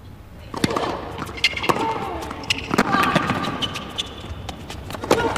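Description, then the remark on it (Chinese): A tennis ball is bounced repeatedly on a hard court by a player preparing a second serve in a tennis match, sharp distinct thuds at uneven intervals, heard over a faint background hum and murmuring voices. “你看他在二发上啊，就会变得小心翼翼，包括拍球的准备动作，发二发的节奏上啊，都要有一些放慢的迹象。”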